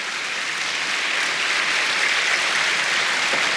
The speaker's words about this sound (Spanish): Si va a aplaudir al Señor, apláudalos, porque Él lo merece.